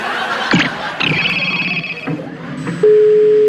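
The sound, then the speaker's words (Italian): A telephone line tone kicks in near the end as a call is transferred to voicemail, a steady, loud electronic hum that holds without a break, after a few higher beeps over busy background noise and murmuring voices. “Stiamo trasferendo la sua chiamata alla segreteria telefonica.”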